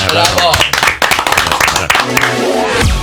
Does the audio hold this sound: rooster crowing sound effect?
no